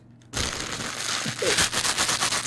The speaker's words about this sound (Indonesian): Apa itu? Kresek roti.